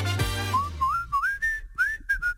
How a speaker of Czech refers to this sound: Slyšíš, Maxi, jak vržou? Přála bych si nové dveře do obýváku.